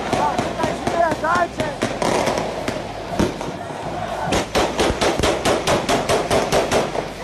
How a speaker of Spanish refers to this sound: Así fue como los habitantes de esta favela en Río de Janeiro celebraron la victoria del Rubens Vaz por haberle ganado el campeonato al Parque União. Según las autoridades, se está investigando quiénes fueron los que desataron la lluvia de balas.